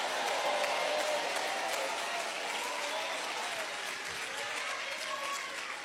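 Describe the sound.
A large church audience applauding steadily throughout, with scattered voices calling out praise mixed into the dense, sustained clapping.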